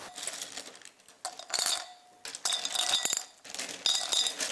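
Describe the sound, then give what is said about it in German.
Small glass pieces clink and rattle together in several bright bursts separated by brief quieter pauses as 550 grams of glass is weighed out for a mold, with no voices present. “Ich weiß, dass ich für meine Form 550 Gramm Glas brauche.”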